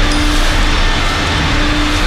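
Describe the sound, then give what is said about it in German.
A loud, steady roaring whoosh of a coin-operated car vacuum's thick plastic hose pulled onto a car's back seat, with a constant low hum and faint scattered rattles of sand, dry Christmas tree needles, bread crumbs and 50-cent and 1-euro coins being sucked through the tube, no voices. “Und dann höre ich's rauschen und rappeln im Rohr.”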